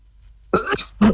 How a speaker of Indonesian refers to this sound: Nah, mohon maaf ya, para pendengar masih batuk.